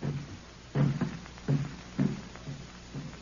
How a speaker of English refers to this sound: African drums are talking.